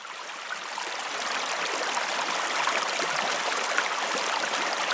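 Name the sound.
flowing stream water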